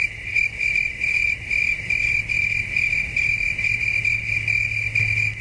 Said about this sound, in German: Das Zirpen der Zikaden kommt vom Band, die Kulisse ist echt.